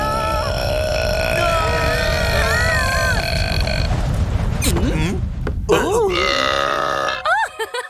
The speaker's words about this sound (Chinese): 这么小声能叫打嗝吗？来，听听这个。